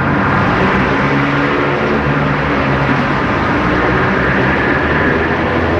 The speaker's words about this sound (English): Normally that noise from that traffic would have probably been overwhelming, but I didn't even pay attention to it.